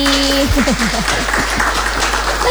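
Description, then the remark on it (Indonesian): An audience of university students applauds steadily at an event with the Dabo Singkep immigration office, a dense wash of clapping, with some voices calling out and cheering over it at the start. “Tepuk tangan dulu dong buat semuanya yang ada di sini.”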